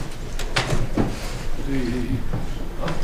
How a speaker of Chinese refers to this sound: 走， 开门， 慢点。